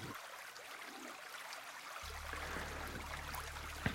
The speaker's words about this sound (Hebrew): נתחיל קצת בטבע, אני אשים קצת צלילים של מים, נעשה לנו קצת הרפיה, קצת נשימות, והרבה הקשבה.